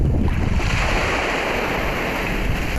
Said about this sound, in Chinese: 海水冲刷着岸边长达1000米的堤坝，堤坝保护的便是三澳村人世代居住的家园。